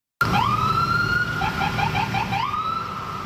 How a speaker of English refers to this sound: That was the sounds of sirens from police cruisers from South Shore municipalities making their way all the way to Station 26 in Côte-des-Neiges this morning. They were showing solidarity.